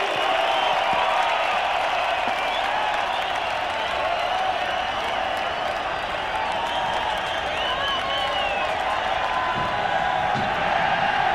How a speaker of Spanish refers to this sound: ¡Venga ese aplauso para los maestros del … simplemente!